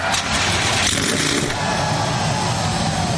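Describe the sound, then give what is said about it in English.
A dense, loud roar of 37 NASCAR Cup Series stock car engines firing up together at Richmond Raceway on the command to start engines, a broad rumbling wall of sound that swells briefly then holds steady with no voices. “The command has been given. 37 NASCAR Cup Series cars come to life.”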